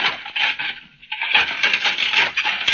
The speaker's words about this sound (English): You recognize that sound? Well, it's Mrs. Brown washing up the dinner dishes.